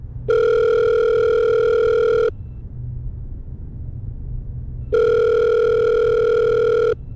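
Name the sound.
telephone ringing tone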